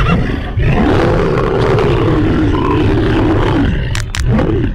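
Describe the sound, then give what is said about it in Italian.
A lion, springing onto a horse it is attacking, lets out a long, deep, snarling roar lasting several seconds, loud, then a brief pause and the start of a second shorter roar. “Il leone scatta come un coso e con un balzo e una centra in faccia gli è già addosso.”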